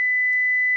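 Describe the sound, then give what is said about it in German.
A single steady pure tone, high-pitched and unwavering, sounds alone at constant loudness for just under a second, starting and stopping abruptly. “Das ist eine einzelne Sinuswelle, 2000 Hertz.”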